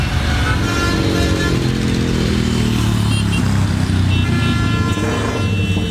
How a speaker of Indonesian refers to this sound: Suara motor kamu loh, berisik banget sih. Lagian kalau di undang-undang knalpot brong gini dilarang tahu. Ganggu ketertiban umum. Lagian juga nggak menuin standar laik jalan. Emang telinga kamu nggak sakit apa?